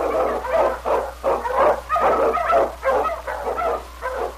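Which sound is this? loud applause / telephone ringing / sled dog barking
sled dog barking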